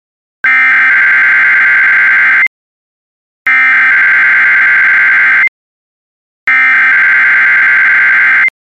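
Three loud, steady electronic alarm tones, each about two seconds long, separated by short silences, with a harsh buzzing emergency-broadcast quality and no voices: a test of the NOAA All Hazards Radio public warning alarm system by the National Weather Service in Valley, Nebraska, for transmitters across eastern Nebraska and southwest Iowa.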